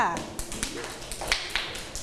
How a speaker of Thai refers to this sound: โอเคปรบมือให้เพื่อนหน่อยค่ะ